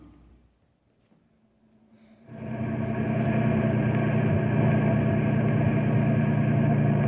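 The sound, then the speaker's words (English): After a couple of seconds of near silence, a car engine suddenly swells in, loud, then holds a steady, rumbling drone as the car drives up to a caravan of six broken-down trucks at Knotty Pine, with no voices. “Alexander Peabody was in charge of the caravan, and he met us as we drove up to find out what we could do to help.”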